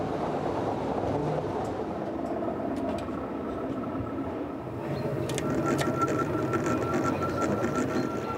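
A railway transfer table shifts the track with a steady mechanical rumble and a thin whine, punctuated by sharp metallic clicks and clanks. It grows slightly louder midway, with no voices.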